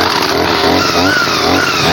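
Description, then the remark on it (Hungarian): A brush cutter's small engine starts and idles, then its loud buzzing whine climbs in pitch as it revs up partway through, then holds steady with no voices present. “Még az alapjárat, figyelj. És beindul.”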